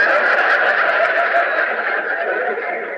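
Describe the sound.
A person's voice imitates a horse whinny, one loud, sustained, quavering call that runs about three seconds and fades slightly at the end, with no other sounds.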